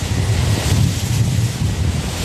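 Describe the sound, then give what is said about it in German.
Strong wind roars steadily near a wind turbine, with a deep buffeting rumble and a broad hiss that surges slightly throughout; no voices are present. “Wenn der Wind stärker ist, dann ist meistens das Umgebungsgeräusch von Blättern, von Bäumen lauter als die Windkraftanlage.”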